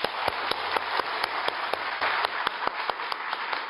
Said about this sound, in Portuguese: Uma salva de palmas a todos vocês.